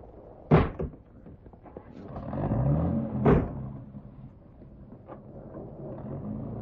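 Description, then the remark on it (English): A car door thuds shut, then an engine starts and rumbles louder as the car pulls away. A second slam cuts in midway, and a steady low drone continues afterward. “Get back in the car, darling.”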